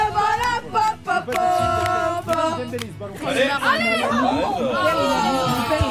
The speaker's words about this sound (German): Eine Gruppe französischer Studierende hat gestern natürlich das Fußball-WM-Viertelfinale zwischen Frankreich und Marokko geschaut in einer Bar am Frankfurter Bahnhof. Und so klingt das, wenn Les Bleus ihre Equipe anfeuern.